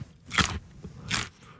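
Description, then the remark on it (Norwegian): Two sharp, crisp crunches about three-quarters of a second apart as Erling Braut Haaland bites into an in-season Norwegian carrot, with quiet chewing noise between them and no talking. “Her en lydprøve av norske gullerøtter i sesong, utført av Erling Braut Haaland.”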